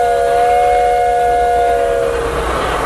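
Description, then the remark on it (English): A loud steam train whistle from the train Big Dixie blows one long, steady chord for about two seconds, then breaks into a rush of hissing steam. No one speaks. “Blow your whistle, Big Dixie. Just keep reminding me.”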